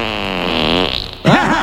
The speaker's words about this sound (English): I'm gonna leave a fart trapped in here.